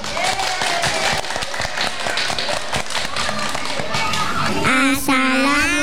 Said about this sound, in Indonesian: Bunda mengundang sahabat-sahabat kecil dari RA An-Nur untuk mempersembahkan hafalan hadis tentang kebersihan. Mari kita beri tepuk tangan yang paling meriah.